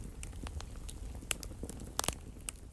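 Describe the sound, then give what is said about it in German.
A wood fire crackles in a fireplace, with irregular sharp pops and snaps over a soft low rumble of flames, moderately quiet, with no one talking. “Draußen pfiff ein eisiger Wind und ich hatte mir das Kaminfeuer angemacht.”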